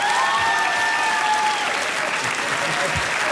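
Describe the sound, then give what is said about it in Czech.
Loud, dense audience applause fills the whole stretch, a steady wash of many hands clapping with a faint whistle-like tone near the start. “Jo, ale co je mu to platný, takovýhle potlesk neměl, víš?”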